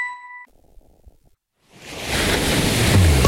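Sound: ocean waves washing ashore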